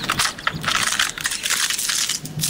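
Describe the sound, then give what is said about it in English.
A dry fall leaf crunches underfoot, a dense, crackly burst of brittle snapping and rustling that carries on for a couple of seconds with no voices over it. “Wait, don't step on that one. Why? I was saving it for the big crunch.”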